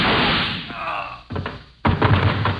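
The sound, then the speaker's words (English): Two sharp, heavy gunshots about half a second apart, fired through a door transom from the next room, sounding somewhat muffled and thudding, set against a steady hiss with no talking. “Those shots came through the transom.”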